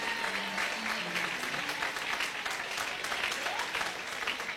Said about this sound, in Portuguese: Pode se assentar e dê uma salva de palmas para Jesus. Palmas para Jesus. Bem alegre, irmão, bem alegre. Palma para Jesus.